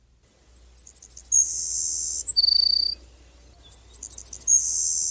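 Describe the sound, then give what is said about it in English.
A Savannah Sparrow sings twice, each song a run of thin, quickening high chips that ends in a sizzling insect-like buzz, then a lower buzzy note. Clear, with no talking. “The Savannah Sparrow and all the sparrows in general are a somewhat difficult group of birds, particularly for beginning bird watchers, and they often strike fear into the heart of beginning bird watchers.”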